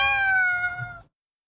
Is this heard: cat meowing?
yes